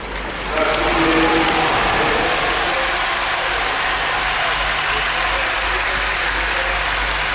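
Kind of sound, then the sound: crowd, stadium crowd applauding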